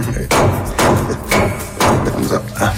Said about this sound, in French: D'abord, il faut commencer par écraser le clou de girofle. Mais, doucement.